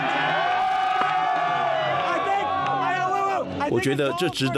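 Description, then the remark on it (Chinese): A large crowd of fans in Washington cheers and whoops loudly and continuously, celebrating the US team's 2-0 World Cup knockout win, many voices shouting together, with a brief burst of choppier yells near the end. “我觉得这值得我们欢呼，你们跟我一起喊， I believe, 我相信， I believe that we, 我相信我们， I believe that we have won, 我相信我们赢了。”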